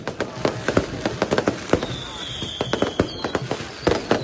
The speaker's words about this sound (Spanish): Hay Monumental y en el Lolo hay festejos, ¿no? Ayer le sirvieron las 12, ¿no? No dejaron dormir a Camilo, a mi perro. Esa bulla, metían más cohetes.